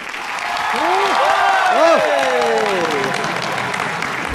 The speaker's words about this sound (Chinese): 我一说开始，大伙儿掌声就给起来啊！ 谢谢大伙儿， 还有欢呼声最好再热烈啊！